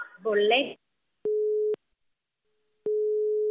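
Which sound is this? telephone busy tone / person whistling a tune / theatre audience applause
telephone busy tone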